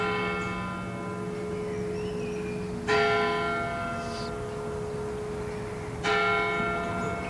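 The 11 o'clock church bells of the town parish church in Everding ring out steadily, with fresh strikes landing every few seconds over a sustained, resonant hum of overlapping tones; the pealing is clear, with no voices.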